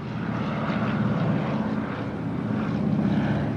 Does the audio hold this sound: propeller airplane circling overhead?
yes